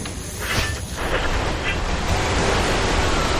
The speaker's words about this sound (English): Oh man, it's raining heavily and I can't see the road. I should have changed the windshield wipers yesterday, la.